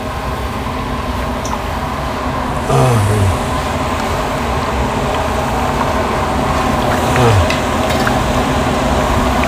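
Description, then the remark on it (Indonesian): Beef lung chips sizzle and crackle steadily in hot oil in a wok during the first frying stage, fried until about half cooked, fairly loud, with two brief louder scraping stirs partway through. No one speaks. “Dan ini adalah proses menggoreng yang pertama.”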